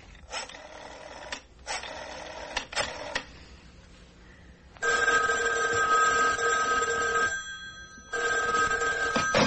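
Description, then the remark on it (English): A telephone bell rings loudly, first in a few short rattling bursts, then in two longer sustained rings separated by a brief pause. No one speaks. “I made a grab for the phone.”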